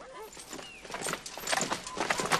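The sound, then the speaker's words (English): A quick, uneven run of clip-clopping hoofbeats, like horses cantering off, moderately loud, with a few faint squawking calls of disturbed geese in the background. “They back away, bowing, then whirl and canter off on their imaginary horses, disturbing some geese.”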